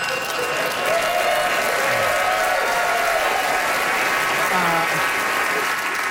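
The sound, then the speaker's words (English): A large audience cheers and claps continuously to cheer on two competitors, a dense wash of applause with whoops and shouts rising above it, loud and sustained throughout. “It's time to get this crowd to cheer you on until they soy themselves, starting now.”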